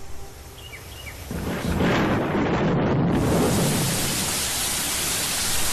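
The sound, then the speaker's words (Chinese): A deep, rolling rumble of thunder on Wuzhi Mountain swells in about a second in and builds over a steady wash of heavy rain, which keeps hissing loudly after the thunder fades. No one speaks. “雷声过后，大雨潇潇而下”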